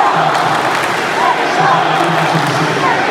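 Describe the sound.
A dense crowd of Mexico football fans in Dallas shouts and cheers during the World Cup, calling "¡Viva México!" in a loud, unbroken roar, with individual voices rising above the din now and then.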